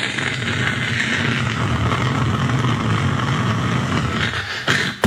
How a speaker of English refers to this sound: A car.